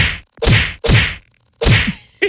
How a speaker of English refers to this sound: If the Hantavirus doesn't get you, a slap in the face just might. Two women getting ready to disembark the carnival spirit got into an argument that turned into a slap fight. And, you know, it almost goes without saying, our microphones were there.